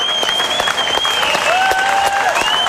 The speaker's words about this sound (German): Sie hören den Schlussapplaus